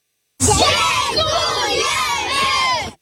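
A group of children cared for by the Castorama Foundation (Fundacja Castorama) shout thanks together in unison to its volunteer workers, a loud, sustained chorus of high voices lasting a couple of seconds before cutting off.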